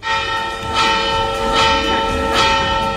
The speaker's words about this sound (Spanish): Y en esta puesta a punto de la Blanca, comprobamos ahora mismo cómo suenan las campanas de San Miguel.